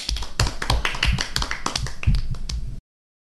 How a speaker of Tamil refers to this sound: ரொம்ப அருமையாக திருக்குறள் சொன்னார் தம்பி. எல்லாரும் கை தட்டுவோமா?